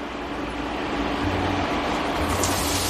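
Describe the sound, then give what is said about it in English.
Onions cooking on medium heat in hot oil with cumin seeds sizzle with a steady, dense hiss and crackle that holds at an even loudness throughout, with a faint low hum beneath and no voices. “That's the sound we like.”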